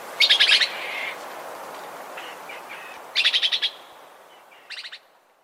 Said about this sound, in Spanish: Esta grabación fue captada en el Huila. El trino del hormiguero ojirrojo forma parte del Banco de Sonidos de Aves Colombianas, recopilado por el Instituto von Humboldt y la Universidad de Cornell.